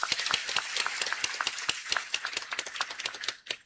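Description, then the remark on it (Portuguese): A crowd at a public gathering applauds a children's pastoral group as its members stand, with dense, overlapping claps that sound steady, then thin out toward the end. “A pastoral da criança pode ficar de pé, trabalho bonito que fazem com as nossas crianças, uma salva de palmas.”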